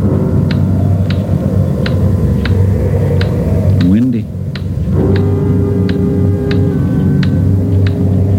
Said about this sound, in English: Sure a loud clock.